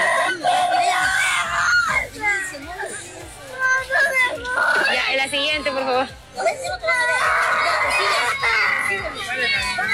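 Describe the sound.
A loud, chaotic crowd of children and adults shouting and screaming over one another in Peru, where a woman is giving away dolls to children, with a voice calling out above the din throughout, continuous.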